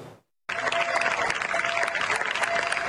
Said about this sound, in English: Residents of the Spanish town of Niebla applauded military emergency crews as they left after 10 days battling a wildfire that affected more than 38,000 hectares.